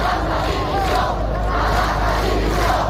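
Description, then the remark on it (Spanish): A large crowd of about 40,000 people at a rally in Seville shouts against the Minister of the Interior in a dense, continuous roar of raised voices, loud and sustained for the whole stretch, with overlapping yells and no single clear speaker. “En la concentración de Sevilla, donde se han reunido unas 40.000 personas según la policía, se han escuchado gritos contra el ministro del Interior.”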